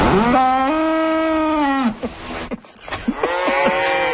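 A cow lets out a long, loud, low moo lasting nearly two seconds, then after a brief pause begins a second drawn-out bellow with a rising, wavering pitch.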